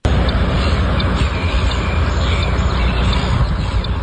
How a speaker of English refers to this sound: Off the side of a highway and over 10 kilometres from the beach, the squawking of a flock of seagulls might catch you off guard. But businesses in Derry Flat are used to the noise.